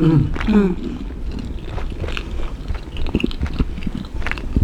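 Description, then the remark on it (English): Someone bites into a crisp cracker and chews, with irregular crackly bursts and a low murmur or hum at the start. “But did you close the cracker? Mmm. For a tiny bit of crunch.”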